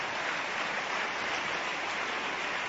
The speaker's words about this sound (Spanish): Dele un mejor aplauso. Amén.